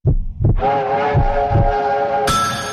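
A train rolls along the rails with a steady, rhythmic clack of wheels, joined by a loud sustained horn-like tone and a sharp burst of hiss near the end. No one speaks.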